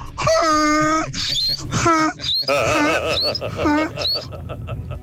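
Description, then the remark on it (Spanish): A person imitates a donkey's bray as their hidden talent, with loud, strained see-sawing honks rising and falling in pitch, repeated several times in quick succession, with some background noise beneath. “Mi talento oculto es el burro.”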